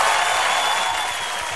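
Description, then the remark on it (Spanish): A dense, steady wash of clapping from a large crowd, loud and sustained like an ovation, with no pauses or individual claps standing out. “Vamos a detenernos ahí porque esto merece un aplauso. No, ¿saben qué? Esto merece una ovación.”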